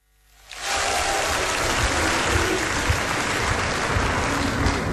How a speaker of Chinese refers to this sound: 这期节目里咱们请出郭德纲和于谦为您合说一段我是文学家，咱们掌声请上这二位。